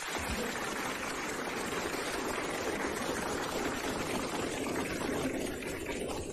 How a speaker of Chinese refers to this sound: 最后一把，准备又乐又鼓掌。 好，开始啊！ 没问题， 准备录音。 哎， 预备，鼓掌。